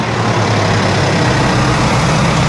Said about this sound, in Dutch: We gaan even luisteren naar de motor. Eens even kijken hoe rustig u er hier vandoor gaat.